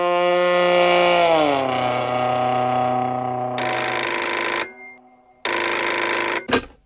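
A telephone bell rings loudly in two bright, buzzing bursts separated by a short pause, following a sustained tone that slides downward. No one speaks.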